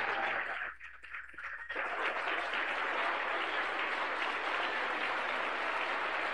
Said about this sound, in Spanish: La iglesia le recibe con fuerte aplauso para Cristo Jesús.